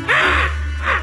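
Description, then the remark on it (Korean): A voice imitates a water deer's cry: a harsh, raspy scream up close, followed by a second shorter shriek, with a low steady hum underneath. “또 고라니로.”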